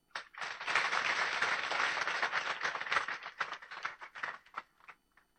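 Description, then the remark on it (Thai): A church audience breaks into steady applause for newly ordained priests, many hands clapping together at full strength for a few seconds, then thinning into scattered claps before fading out. No one speaks. “เราถือว่าเป็นความชื่นชมยินดีของพระศาสนาจักรนะพ่ออยากให้พี่น้องปรบมือให้กับพระสงฆ์ใหม่ด้วย”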